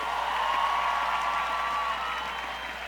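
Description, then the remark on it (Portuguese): Steady audience applause, dense and loud throughout, with many hands clapping in a continuous wash of sound and a faint whistle-like tone running through the middle; a round of applause for a band. “…, salva de palmas, por favor.”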